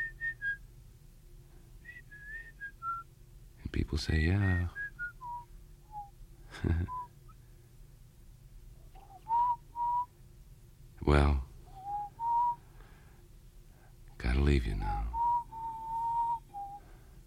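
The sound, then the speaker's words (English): Someone whistles a wandering tune heard on jukeboxes, clear sustained notes sliding up and down, broken by a few loud bursts and a brief spoken line. “I just whistle things that I hear on the jukeboxes, you know.”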